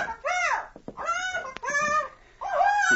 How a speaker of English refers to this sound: Oh, that's quite a bird you have, Captain. Quiet, Skipper. Take some slack in your jaw, tackle, before I heave you overboard.